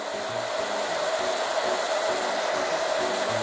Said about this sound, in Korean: 이 부분에 대해서 평상시에 뭐 물론 여러 가지 교육들이 있지만 이런 소리들의 둔감화 교육, 그러니까 적응하는 교육을 할 필요가 있어요. 좀 할게요. 드라이기 소리에 적응하는 교육이 시작됐는데요.